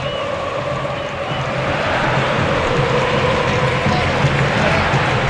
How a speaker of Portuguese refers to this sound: Quase 45, está terminando o jogo. Ouça a torcida aqui na arena.